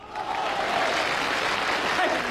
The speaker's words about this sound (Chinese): 听听这个掌声，看看这个场面。